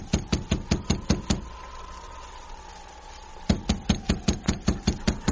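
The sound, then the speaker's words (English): Two quick bursts of sharp, hollow knocks on a wooden cabin door, about eight raps each, separated by a pause of a couple of seconds, with a faint steady hum underneath; the knocking checks whether anyone is inside the cabin. “I'll knock on the door.”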